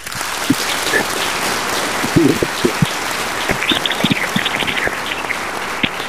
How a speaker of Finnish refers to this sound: Täältähän totta kai aplodit annetaan.